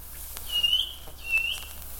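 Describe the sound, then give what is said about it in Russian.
A small grey bird gives two thin, high peeping calls, each drawn out briefly with a short pause between, fairly soft against a quiet outdoor hiss, from behind a dense spruce thicket on a sultry day before rain. “И слышу я, где-то за частым ельничком серенькая птичка пищит.”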